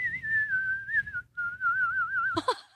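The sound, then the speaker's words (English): A clear whistled rendition of the national anthem, held in two long, slightly wavering phrases with a short break between them, over a low background rumble, ending in a brief burst of voice. “It's already impressive enough if you can whistle the national anthem like that.”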